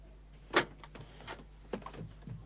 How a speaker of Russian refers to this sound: Ой, слышишь ты? Кто-то ключом открывает дверь. Это, наверное, мама с дедушкой пришли.